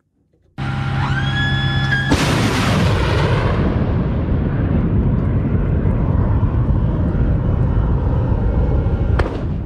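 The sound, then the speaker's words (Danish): A Patriot long-range air-defence missile launch: a rising electronic whine builds for a moment, then a sudden loud blast erupts into a sustained, roaring rush that stays steady until a sharp click at the end. “Sådan her lyder det, når et Patriot-missil affyres, men de her langtrækkende og meget præcise luftforsvarsmissiler, de er altså ved at være brugt op for USA's vedkommende.”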